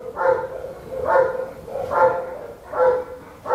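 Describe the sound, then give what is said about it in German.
A large Belgian shepherd dog named Henry barks four times from a kennel at the Heppenheim animal shelter, in a steady, evenly spaced rhythm, each bark full, over a low background hum with no one talking. “Das ist ein belgischer Schäferhund und die sind eigentlich für Polizei und Zoll und so.”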